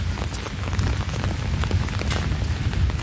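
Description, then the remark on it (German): Steady outdoor rain, a continuous dense patter with scattered brighter drop hits over a low rumbling background, even in loudness throughout. “Suchen wir uns mal irgendwas, wo wir einen Kaffee kriegen und vor allem, wo es nicht ganz so regnet.”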